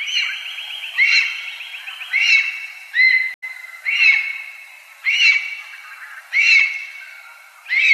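A lesser spotted eagle calls again and again, loudly: a series of high, yelping, slightly squealing notes repeated roughly every second, with no one speaking.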